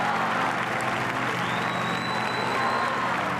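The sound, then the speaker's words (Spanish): A large crowd applauds the Pope steadily at the close of an outdoor papal mass, a dense wash of clapping that stays loud and even throughout, with faint voices and a thin tone drifting through the background. “Y así, entre aplausos al Papa y el canto de la salve, ha concluido la celebración.”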